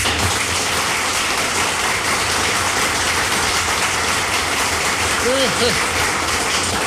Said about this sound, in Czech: Přivítáme potleskem Jirku Sováka.